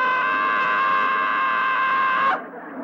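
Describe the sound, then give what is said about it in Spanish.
A boy lets out one long, loud, high-pitched wail that holds steady for a couple of seconds before breaking off abruptly, leaving a quieter tail behind it. “Entonces seguramente está gritando nada más porque...”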